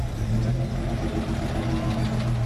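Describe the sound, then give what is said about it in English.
A dusty safari truck's engine idles in Winton, Australia, a steady, loud low rumble with a droning hum that holds constant throughout, no voices or other sounds. “It's a sight not too uncommon for fans of one of Australia's most successful films. A dusty safari truck.”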